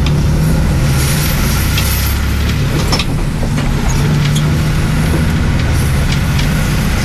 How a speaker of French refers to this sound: De cette Pointe des Poulains où nous sommes arrivés depuis Sauzon en longeant la côte, nous allons reprendre le bus pour rejoindre le palais.